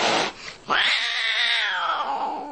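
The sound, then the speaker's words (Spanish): A single loud, drawn-out cat yowl, preceded by a brief noisy burst, rising into a strained, wavering wail that holds for about two seconds before tapering off. No one speaks. “Gato con uñas.”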